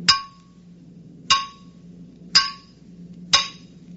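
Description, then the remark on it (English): Four sharp metallic clangs from a metal cylinder striking something, each ringing briefly, spaced about a second apart over a low, steady hum. “try to hit him with a cylinder”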